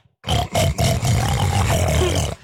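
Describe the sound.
A man, asked which animal sound to make, imitates a pig with a loud, sustained guttural grunting snort lasting about two seconds, rough and low-pitched with a raspy, growling texture.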